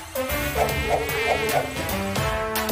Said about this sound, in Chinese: 哎呀，讨厌的苍蝇！蛋宝，赶紧帮我把苍蝇赶走。